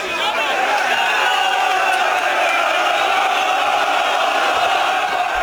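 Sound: football fans chanting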